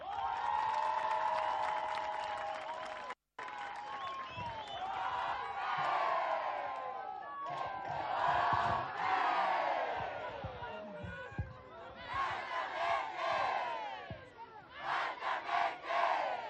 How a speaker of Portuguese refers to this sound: Vou pedir a todas as delegações palmas para Inhambane.